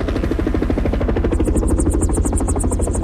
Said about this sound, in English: Both helicopters circle for a minute and then land about 50 yards away from a tiny, motionless figure on the snow.